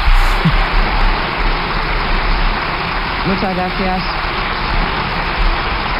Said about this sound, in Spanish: Como es habitual también, ovación cerrada por parte de los diputados del Partido Popular. Y el propio jefe se levanta del escaño para pedir a sus diputados que dejen aquí la ovación.